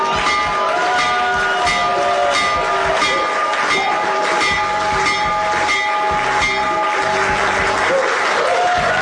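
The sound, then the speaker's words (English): A loud electric bell rings continuously for several seconds, its steady metallic tone sustained over a dense wash of clapping and crowd cheering, as President Donald Trump rings the bell in the Oval Office to open trading on the New York Stock Exchange and the NASDAQ. “President Donald Trump ringing the bell for the New York Stock Exchange and the NASDAQ to open up trading as part of his event to bring attention to the excellent idea called Trump Accounts.”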